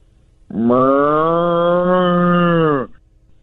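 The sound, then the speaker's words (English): A person imitates a cow with one long, loud moo, a steady droning low call lasting a little over two seconds that rises slightly at the start and drops off abruptly. “Let's hear this cow.”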